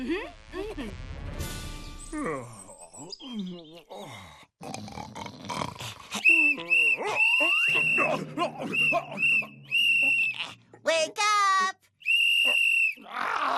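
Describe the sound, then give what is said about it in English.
A shrill whistle is blown in several sharp, loud blasts, one long and others shorter, following a shout and some grunting voices. “Stop blowing that whistle!”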